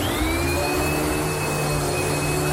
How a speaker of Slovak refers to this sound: To je mašinka, ktorá sa zbaví vás prachu, soplikov, pavučín.